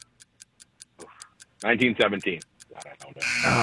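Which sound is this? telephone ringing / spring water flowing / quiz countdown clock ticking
quiz countdown clock ticking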